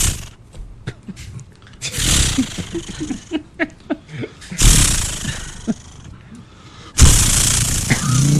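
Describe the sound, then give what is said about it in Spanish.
A voice imitates a chainsaw: short sputtering pulls as if yanking the starter, then long, harsh, buzzing roars like the saw revving and cutting, fairly loud. “No, eso es una motosierra. Que hay que prenderla.”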